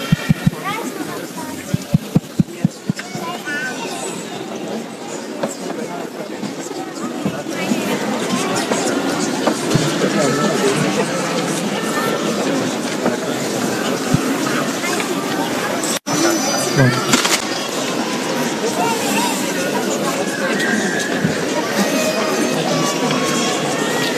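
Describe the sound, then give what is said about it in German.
A large crowd of families, just back from a procession through the town, files into the Stiftskirche in Kempsmünster, with a steady blend of murmuring voices, shuffling footsteps and rustling movement that stays dense and even throughout, with occasional light clinks. “Ja, liebe Zuhörer von Radio Maria, Sie hören es, hier findet gerade der Einzug in die Stiftskirche in Kempsmünster statt mit den Familien, die gerade eine Prozession durch diesen Ort gemacht haben.”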